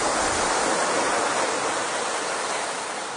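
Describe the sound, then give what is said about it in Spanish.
A steady, dense wash of sea waves, loud, with a constant hiss and roar that fades slightly toward the end. No voices are present. “Bueno, te he puesto aquí un cortecito del mar para que hablemos de Enrique el Navegante.”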